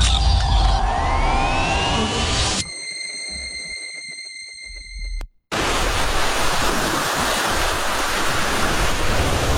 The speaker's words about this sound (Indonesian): Laut bisa tampak tenang, tapi di waktu tertentu ombak bisa berubah ganas. Ombak besar atau gelombang tinggi bisa datang tiba-tiba, menghantam pantai, merusak perahu, bahkan mengancam nyawa.